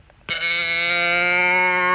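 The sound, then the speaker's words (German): A toy moo can lets out a single drawn-out, buzzy low moo that starts abruptly and holds steady and loud for nearly two seconds, mimicking a cow. “Nee, das war nicht Kuh Rosi, das ist so eine Kuhdose.”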